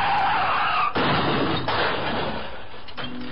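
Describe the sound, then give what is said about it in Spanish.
A loud car crash sound effect: screeching tires give way to a sharp impact and crunching, shattering glass and metal, with debris settling and rattling afterward. No voices. “Un accidente de auto le puede costar su salud, dinero o hasta la vida.”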